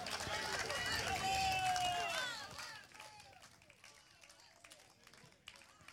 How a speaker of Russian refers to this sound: Юрий Ковешников, Одинцовский эстрадно-джазовый оркестр под управлением также главного дирижера Юрия Ковешникова. Провожаем наших артистов оглушительными аплодисментами, дорогие друзья.